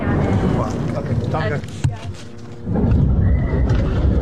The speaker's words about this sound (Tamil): அப்போது போர் விமானங்கள் நெருங்கி வரும் சத்தம் எங்களை குறுக்கிடுகிறது.